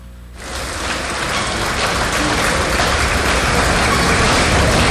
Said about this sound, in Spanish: Saturnino Quintana Castillo, presidente del Comité Regional, entrega el reconocimiento al licenciado Héctor Holguín Varela en Ciudad Delicias, Chihuahua, 25 de julio del 2026. ¡El aplauso!